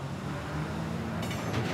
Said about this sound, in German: Heißt, der Zug kann pünktlich abfahren. Er bringt die Container aus Schweden jetzt Richtung Mittel- und Südeuropa.